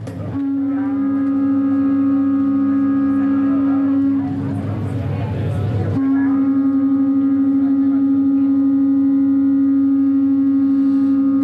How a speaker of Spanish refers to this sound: Bueno, un cuerno así en solitario, pues también tiene esa emotividad, ¿no? que caracteriza este sonido, pero si ya los juntamos, los unimos a otros más, fíjate cómo suena un trío de cuernos.